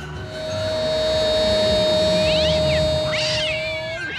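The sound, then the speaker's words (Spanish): Cats meow twice in quick succession, short rising-and-falling cries standing out over a steady electronic whine and low background rumble. “¡Buso con los gatos! ¡No! ¡Son los gatos!”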